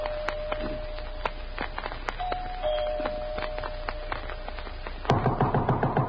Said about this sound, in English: I walked up the front stairs, punched the doorbell, and heard it ring inside.